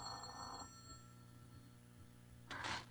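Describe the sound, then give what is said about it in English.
A telephone rings in short bursts: one ring at the start, a quiet gap, then another ring near the end, set against a low steady hum with no talking. “Answer the phone, Ruth.”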